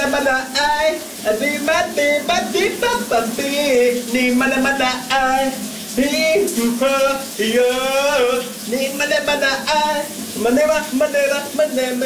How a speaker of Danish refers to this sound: Han er der i et gevaldigt humør den her onsdag morgen, og det er der også en god grund til, for det er altså en vældig god sang, han har gang i under bruseren.